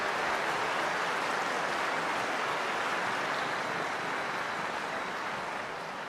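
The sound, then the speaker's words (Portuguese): A concert audience at a youth concert applauds the sponsor Drogaria Araújo in a dense, continuous wash of clapping that holds steady for several seconds before easing off slightly at the end, with no voices heard. “Então, muito obrigado, uma salva de palmas à Drogaria Araújo, muito obrigado.”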